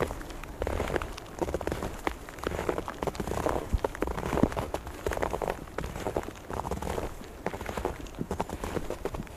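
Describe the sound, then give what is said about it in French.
Steady patter of fine rain, a dense crackle of tiny drops falling continuously at moderate volume with no voices, occasionally punctuated by slightly sharper taps. “les flocons de neige. Ce sont traçons et en légère pluie fine.”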